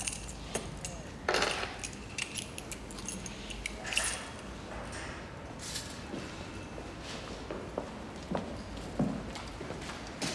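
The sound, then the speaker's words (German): A bunch of keys to room 511 jangles and clinks in several short metallic bursts, with scattered rustling and faint shuffling in between and no clear speech. “Zimmerinne 511. Die Schlüssel, Aufzug ist rechts hinten.”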